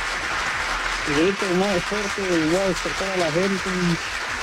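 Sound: applause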